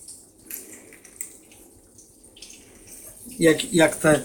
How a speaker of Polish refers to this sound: Zmywarka zmywa. Zmywa, o. Słychać nawet, jak to śmigło tam.